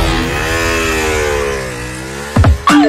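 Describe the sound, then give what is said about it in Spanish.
A motorcycle engine rumbles loudly, holding a steady droning pitch, then gives two quick, sharp revs right at the end. “Credit Hogar, tu casa, tu estilo y ahora tu moto.”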